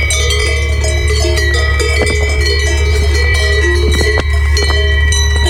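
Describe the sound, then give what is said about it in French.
Many cow bells clank and ring irregularly in an alpine pasture, their overlapping metallic tones sustaining over a steady low rumble, with no voices. “Mais non, j'ai choisi de vous parler des cloches des vaches, puisque ce doux son m'a suivi la quasi-totalité des 8 jours passés à pédaler dans les alpages.”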